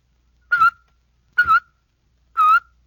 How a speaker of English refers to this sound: Now for a second type of whistling. You do this one with a tut-tut motion of your tongue. When you add your whistle, you get...